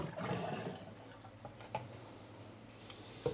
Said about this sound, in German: Ich hoffe nur, dass meine Fernbedienung jetzt geht. Per Funk kommt der Wasserstrahl vom Spülwagen.